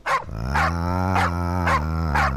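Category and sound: animal, dogs barking and growling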